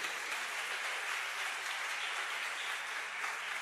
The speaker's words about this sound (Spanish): ¿Puedes aplaudir? Yo vi que querías aplaudir. Aplaude al Señor.